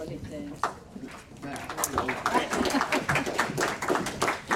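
An audience at a forum event breaks into applause to welcome the next panel guests, beginning with a few scattered claps and quickly swelling into steady, dense clapping that holds at a moderate level throughout.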